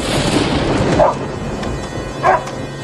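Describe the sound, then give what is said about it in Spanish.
Bruno, the Ramírez family's dog, known locally as one of the best guard dogs, barks twice, about a second apart, each a short sharp bark over a steady background rumble. “Bruno, el perro de los Ramírez, conocido en los alrededores como uno de los mejores perros guardianes, mantenía sus ojos fijos en Juan mientras éste se acercaba.”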